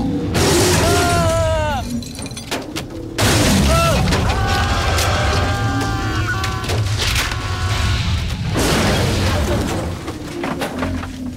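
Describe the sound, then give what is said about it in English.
A loud, continuous crash of crumpling metal and shattering glass, with heavy impacts and high creaking squeals as a tree slams onto a small car's roof, caving it in and bursting its windows, intense throughout. “It collapses and the windows shatter. The tree hits the trunk again and the car plummets to the ground.”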